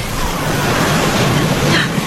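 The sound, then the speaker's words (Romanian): Steady lapping of waves, a continuous soft wash of water with gentle surging texture, moderately loud, with no voices. “Că se aude clipocitul valurilor.”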